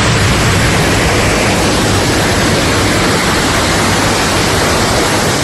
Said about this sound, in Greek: Τα ορμητικά νερά παρασυρούν τραπεζοκαθίσματα και άλλα αντικείμενα από τα καταστήματα. Κάποια από αυτά πλημμύρισαν.